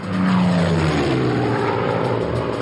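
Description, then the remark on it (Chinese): A propeller-driven bomber roars past in a loud, steady drone. Its throbbing engine tone slides downward in pitch as the plane sweeps by flying low. No voices accompany it. “温室轰炸机独一无二，即使是在低空全速飞行时，时速也能接近400英里，它的速度无可匹敌。”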